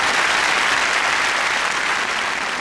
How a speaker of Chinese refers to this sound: 对， 借这个机会，今儿哎，咱来点掌声，让他给大伙展示一回，行不行？